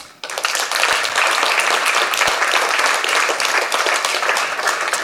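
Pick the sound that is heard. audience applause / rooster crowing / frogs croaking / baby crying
audience applause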